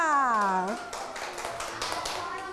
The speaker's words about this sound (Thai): เก่งมากปรบมือให้เพื่อนค่ะ